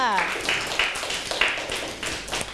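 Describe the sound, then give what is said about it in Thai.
Classroom applause for a classmate's answer: a group claps in a quick, steady rhythm for a couple of seconds, right after a brief bit of a voice at the start. “โอ้โหเยี่ยมมากปรบมือให้เพื่อนค่ะ”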